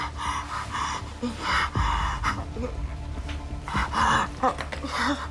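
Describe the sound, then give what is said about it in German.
Rapid, labored panting breaths with audible gasps from a patient in emergency care, heart rate 120 BPM and oxygen saturation only 74%, with wet crackles suggesting beginning pulmonary edema; fairly loud, repeating in a strained uneven rhythm over a faint background hum. “Versuchen Sie ganz ruhig weiter zu atmen.”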